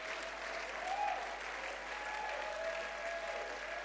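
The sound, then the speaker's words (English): Sustained applause from a large audience clapping for God, a dense, even wash of clapping that holds steady for the whole stretch with no pauses or voices standing out. “Just make sure you are clapping for God.”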